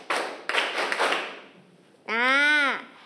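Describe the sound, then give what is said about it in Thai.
A group of children claps five times together to show they are ready for an activity, a quick burst of sharp, overlapping claps, then a loud, high, sustained pitched tone rings out and bends in pitch before stopping. “พร้อมที่จะทำกิจกรรมแล้วหรือยังเอ่ย พร้อมแล้วครับ ถ้าพร้อมแล้วปรบมือ5ครั้ง”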